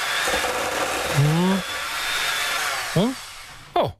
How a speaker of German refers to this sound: So, kurz in den Mixer.